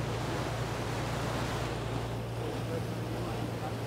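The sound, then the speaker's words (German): Steady rush of wind and sea waves washing past a moving boat near a lighthouse in the Bay of Mahon, with a low engine drone humming underneath throughout; no voices. “Die Wellen.”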